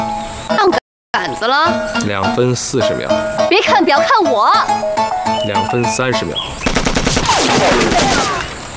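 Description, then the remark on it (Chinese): Fire from a Taisho 11 (Type 11) light machine gun erupts as a loud, rapid burst of crackling shots near the end, preceded by tense, busy sounds with voices mixed in. “这 是大正11式轻机枪，没有92式的重机枪。”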